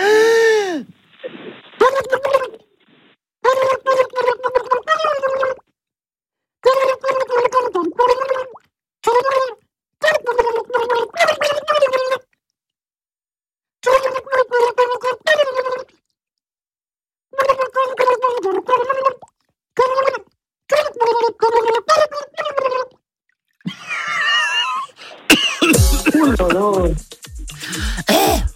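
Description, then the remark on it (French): A voice sings muffled and gurgling through water, the singer's head under water in a basin, in short melodic phrases separated by brief pauses, ending with a burst of bubbly, splashing noise. “Ne donnez pas la réponse avant que je revienne parce que je vous entends pas, parce que je suis sous l'eau.”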